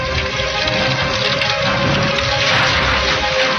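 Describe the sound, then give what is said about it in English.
A wooden shed burning with sparks flying: a loud, steady roar of flames with a dense, rushing texture that stays constant throughout, with no voices. “Should we be worried about the sparks going into the shed?”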